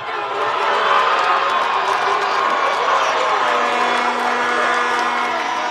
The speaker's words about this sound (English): The game stayed scoreless into extra time until finally Team Spain gave their fans something to cheer about.